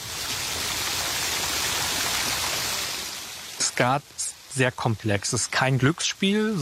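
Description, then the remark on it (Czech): Steady, rushing water splashes continuously for a few seconds from a fountain in a town centre, full and pouring, then fades back as a voice begins talking over a quieter background. “Tam na vrcholu jedné kašny sedí chlapci, kteří hrají karty.”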